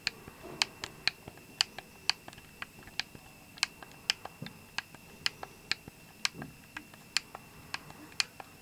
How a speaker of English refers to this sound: I'm trying really hard not to move the chair, but I had to a little bit back there, so if you heard a noise, I do apologize. And that is the relaxing sounds of an Xbox One controller.